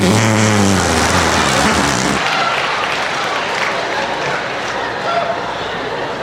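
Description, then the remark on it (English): An armpit fart made with the crook of the arm: a loud, buzzy, low flapping blurt lasting about two seconds, followed by a steady wash of noise like applause. “Or as we called it in New York, the artificial fart under the arm.”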